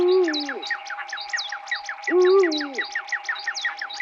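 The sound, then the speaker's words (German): Two deep, drawn-out Eurasian eagle-owl hoots, about two seconds apart, sound over a busy, rhythmic chorus of higher chirps and a steady droning tone. “dem Uhu für die Vocals”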